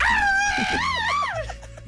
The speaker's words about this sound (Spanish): A ver, otra vez ese grito de mariachi. Me gustó. Que se escuche fuerte el mariachi. Que son las mañanitas que cantaba el Rey David. Hoy por ser día de tu santo. El grito de mariachi, ¿cómo?